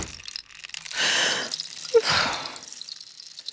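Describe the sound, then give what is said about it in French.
A bedroom door swings shut with a soft whooshing sweep, a small sharp click of the latch, then another muffled swish of movement, all fairly quiet with no talking. “Il referme la porte.”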